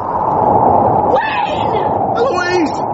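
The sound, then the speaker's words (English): A loud, steady roar of force 10 gale wind, released from an opened oak first aid box, whooshes without pause for the full three seconds, with brief whistling, wavering tones rising through it and faint voices buried beneath the rush. “Can you hear a whooshing sound,”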